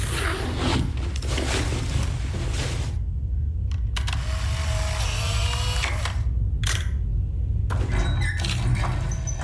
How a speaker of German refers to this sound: Du hast doch deine Kamera dabei. Mach doch in jedem Fall mal Fotos. Dann können wir das später recherchieren.